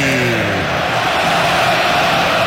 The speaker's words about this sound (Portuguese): Comemora a torcida que canta e vibra. Palmeiras vira o jogo pra cima do Peixe. Alan, camisa número 40, pra fazer a torcida que canta e vibra muito mais feliz. O Palmeiras virou.